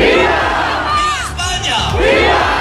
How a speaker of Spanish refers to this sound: Entre los manifestantes, gritos de Ceuta no se Ceuta se defiende, también insultos al presidente del gobierno y peticiones para que se expulse a los migrantes.